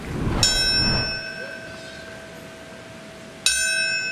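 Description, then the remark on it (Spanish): A memorial bell at Ground Zero in New York tolls twice, marking the moment the first plane struck the North Tower 25 years earlier; each loud strike rings out with a long shimmering decay, the second stroke about three seconds after the first, with no voices. “El sonido de una campana marcó el momento exacto en el que hace 25 años el primer avión impactó la Torre Norte de Nueva York.”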